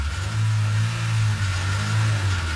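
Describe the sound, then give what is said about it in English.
A car engine revs loudly and steadily in an Astron Energy fuel advert. It is a deep, throaty roar with strong low harmonics that holds and swells for a couple of seconds, with no voices. “And drive out with the one you want to drive every second.”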